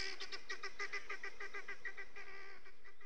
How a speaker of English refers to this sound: Helmeted guinea fowl are easily domesticated, but they'll always remain flighty, squawky, birds in a panic.